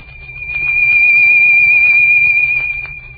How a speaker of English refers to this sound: A sound wave will rise and swell something like this.